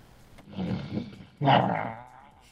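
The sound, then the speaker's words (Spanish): A voice imitates an animal roar: first a low, rumbling growl, then a louder, sustained roaring burst that fades out, fairly loud, with no other talk. “A ver, yo quiero que escuchen este rugido.”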